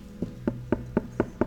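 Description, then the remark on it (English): Six steady knocks on a solid surface, evenly spaced and fairly loud, with a hollow, resonant thud to each rap and no voices. “He's not going to force his way into your heart. He just knocks.”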